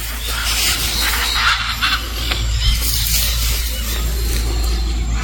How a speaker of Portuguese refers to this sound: Parece um cachorro brabo. Olha a respiração do bicho.